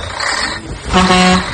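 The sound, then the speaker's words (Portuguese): A moving truck's horn blares once as it is about to leave, a loud steady honk of about half a second, after a few moments of rumbling engine and road noise. “Opa, o caminhão da mudança tá quase saindo.”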